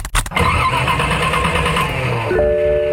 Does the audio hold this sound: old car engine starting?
yes